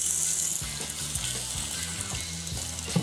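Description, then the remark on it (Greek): Thinly sliced onion frying in a little oil in a cast-iron wok, a steady, bright crackling sizzle that holds at an even level for the whole stretch, with a low, wavering hum running underneath. “Λίγο λαδάκι, το κρεμμύδι.”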